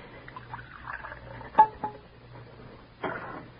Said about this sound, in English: Pour out his cocoa.